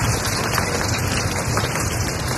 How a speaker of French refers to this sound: Ça, c'est les gouttelettes d'un toit.